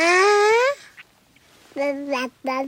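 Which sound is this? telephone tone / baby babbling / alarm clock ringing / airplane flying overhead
baby babbling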